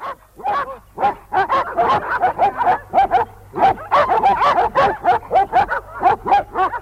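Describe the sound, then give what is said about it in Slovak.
Several dogs being readied for a dog show bark nonstop in rapid, overlapping volleys, sharp yaps and yips piling on top of each other, loud, with no one speaking. “Idem sa pozrieť na psov.”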